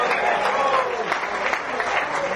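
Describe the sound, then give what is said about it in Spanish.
An audience at a sermon claps loudly and steadily for Christ, a dense, continuous wash of many hands applauding together, with a murmur of crowd voices mixed in. “¿Cuántos dan un fuerte aplauso al Cristo de la gloria?”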